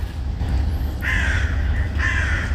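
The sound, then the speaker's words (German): Two loud, harsh bird calls ring out about a second apart over a steady low background rumble, with no one talking. “Heute ganz aktuell über die Begegnung mit netten Menschen, über das Vogelzwitschern und tollen Kaffee.”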